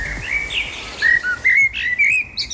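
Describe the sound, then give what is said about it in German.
A blackbird sings a series of fluting, whistled phrases with short pauses between them, clear over a quiet background, with no one talking. “Ich sage, es war eine Amsel.”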